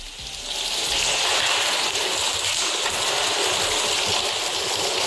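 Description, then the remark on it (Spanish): Neighbours bailing out floodwater in Gijón after a Wednesday of heavy rainfall of 59 litres per square metre: a steady, fairly loud rush of splashing, pouring water that carries on for the whole stretch, with no voices. “La lluvia irá hoy a menos, después de un miércoles de fuertes precipitaciones con acumulaciones de 59 litros por metro cuadrado en Gijón y vecinos achicando agua.”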